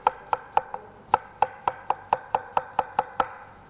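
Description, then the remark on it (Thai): A knife chops steadily on a cutting board, about fourteen crisp, evenly spaced strikes, cutting an apple with its skin on into small pieces to go into a blender for a sauce, with no talking. “แล้วก็ใส่แอปเปิ้ลหั่นชิ้นเล็กๆใส่ลงไปในเครื่องปั่นเดี๋ยวเราจะปั่นเป็นซอสเลยนะคะ”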